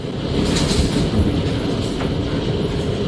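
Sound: heavy hail falling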